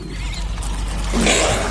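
A caracal gives a low, rumbling growl at a cheetah that holds steady for under two seconds, then swells slightly louder with a raspy edge toward the end. No one speaks.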